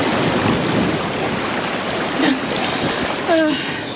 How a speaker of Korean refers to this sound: 철썩 철썩. 그때 파도가 나를 때렸고 그건 돼지게 아팠다. 내게 좋은 파도란 없다. 죄다 견디기 힘들고 고달픈 파도일 뿐이다.